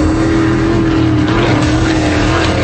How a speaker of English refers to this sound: The X Insurance Clearwater Offshore Nationals, September 25th through the 27th on Clearwater Beach. 90 race boats, over 140 miles an hour. Close enough to feel it.